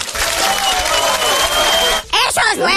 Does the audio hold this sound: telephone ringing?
no